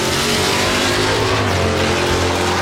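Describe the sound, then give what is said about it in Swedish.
A loud race car engine roars steadily throughout at Mantorp, its throaty growl dense and sustained with a rising revving edge, and no voices over it. “Underhållande och nära, oavsett om det är ostlingsbråk i Linköping eller motorvrål i Mantorp.”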